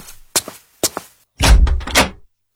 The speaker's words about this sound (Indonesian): Terdengar ketukan pintu keras.